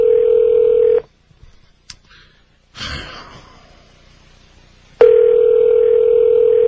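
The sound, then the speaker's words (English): A loud, steady telephone dial tone sounds as someone calls the Art Bell listeners hotline listed in the Rocky Mountain News; it cuts off for a few seconds of faint clicks, a brief tone and a hissing burst, then the steady dial tone returns. “Calling the Art Bell listeners hotline, whatever that is, from the Rocky Mountain News.”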